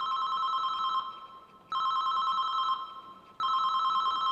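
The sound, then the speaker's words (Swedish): A mobile phone rings in repeated electronic bursts, each tone lasting about a second with short gaps, echoing in a stairwell. No one speaks. “En telefonsignal ekar i trapphuset. Det är Alfons mobil som ringer.”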